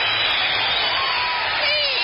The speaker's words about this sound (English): Signal the applause.